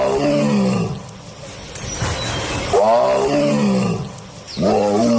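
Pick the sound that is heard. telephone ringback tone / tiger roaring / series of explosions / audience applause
tiger roaring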